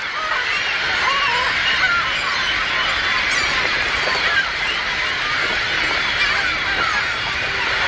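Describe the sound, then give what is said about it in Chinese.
Northern gannets squabble over food and territory at a crowded nesting colony where the nests sit close together, a dense, continuous wash of harsh, overlapping raucous calls and cackles at steady loudness, with no speech. “由于筑巢点挨得太近，唐鹅时常因为食物和领地与邻居发生争吵。”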